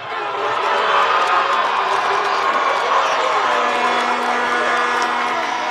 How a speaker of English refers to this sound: The game stayed scoreless into extra time, until finally Team Spain gave their fans something to cheer about.